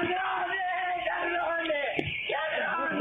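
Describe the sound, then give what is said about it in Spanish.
An 82-year-old grandmother screams and wails in desperation as she realizes the visitors were not bank employees or her daughter's friends but criminals who took her dollars, her life savings. Her strained, high-pitched cries are continuous and loud, breaking and rising with a brief sharp catch midway. “Así gritaba la abuela de 82 años cuando veía que no eran empleados del Banco Nación ni amigos de su hija, sino que eran delincuentes que se habían apropiado de los dólares, de los ahorros de toda la vida.”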